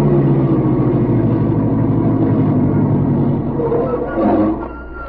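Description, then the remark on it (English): A car engine idles steadily, a loud, even low rumble with a throbbing hum that continues throughout and dips slightly near the end. “Driver, stop the car near that airport.”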